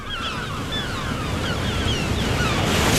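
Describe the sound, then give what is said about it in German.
Sea waves roll steadily onto sand in a continuous, broad wash of surf that swells slightly louder toward the end, with faint high chirping calls drifting above it. “Und jetzt wollen wir schweigen und lauschen auf das Meer, das seine Wellen über den Sand rollt.”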